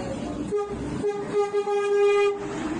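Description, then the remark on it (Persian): A train pulls into Veresk station in Iran by the Veresk bridge, its horn sounding loud: a couple of short toots, then one long sustained blast over a steady rumble of the rolling train. No one speaks. “الان وارد ایستگاه ورسک شدیم و شما این پل زیبا را دارید می‌بینید.”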